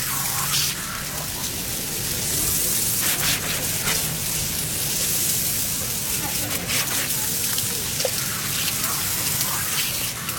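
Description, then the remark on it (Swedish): Water from firefighters' hose nozzles sprays hard at a fire, which stops burning almost at once, in a steady, forceful hiss that stays loud for the whole stretch, with a dense splashing texture and no clear pauses. “Nu sprutar vattnet ur munstyckena med stor kraft.”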